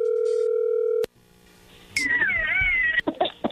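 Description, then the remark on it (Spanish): A telephone line rings out with a steady, buzzing electronic tone for about a second. A click cuts it off as the call connects, and a high, wavering voice follows. “Bueno, a ver, ahí entró la llamada.”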